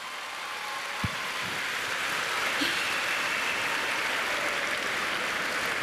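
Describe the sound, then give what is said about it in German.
A large crowd at a music contest applauds with dense, continuous clapping that holds at a steady, fairly loud level for about six seconds, with no voices standing out. “Ich will mal einen riesen Applaus hören.”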